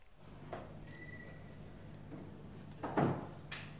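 A door swings shut with a short, solid thump in the press room at Somoix as someone enters for a press conference, preceded by faint creaks and shuffles, set against a steady low hum with no one speaking.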